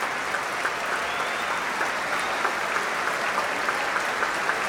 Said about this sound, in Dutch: Ja, groot applaus ook voor alle muzici nu van het orkest. Het hele orkest staat om dit zeer terechte applaus in ontvangst te nemen.